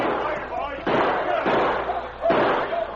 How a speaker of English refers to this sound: But suddenly they heard shots behind them.